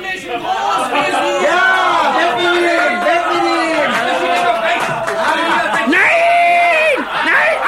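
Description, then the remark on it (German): A large crowd of townspeople cheers and whoops jubilantly as a caged man is carted through a splendid city, many voices overlapping in a loud, continuous roar of excitement with shouts rising and falling throughout. “Unter dem unbeschreiblichen Jubel der Bevölkerung wurde er von seinem treuen Mietsklaven Tunichgut durch die prunkvolle Stadt gekarrt.”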